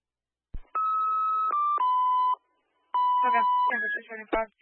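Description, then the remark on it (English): An electronic alarm, set off on purpose to alert the police, sounds in two long, steady tonal bursts, dropping slightly in pitch partway through, separated by a short pause. It is fairly loud, with some clicks and clatter over the second burst. “I'm going to set off the alarm for the police, so just to make them aware.”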